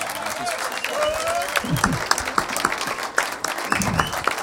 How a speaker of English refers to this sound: Deuxième ordre d'apparition, …. Merci de l'applaudir. Beaucoup plus chaleureusement, je vous ai connu un peu plus... Allez.